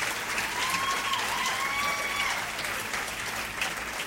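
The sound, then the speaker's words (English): Steady, dense clapping from a large audience at a live concert recorded at Anderson Fair, a venue in Houston, Texas, a broad crackling wash with faint whistles rising above it. “And well deserving of all that applause,”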